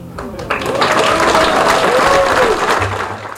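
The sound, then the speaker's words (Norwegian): Loud, dense audience applause rises sharply and holds steady, a broad wash of many hands clapping at once, with a few voices calling out faintly underneath before it begins to fade. “God applaus, men da må vi trekke litt dere så vi kommer videre.”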